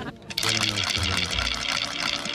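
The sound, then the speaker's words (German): A night watchman's wooden rattle is swung, giving a loud, rapid, continuous clatter of dry wooden clicks that starts abruptly after a brief quiet moment and keeps going steadily for about two seconds. “Und wisst ihr überhaupt, was ein Rätel ist?”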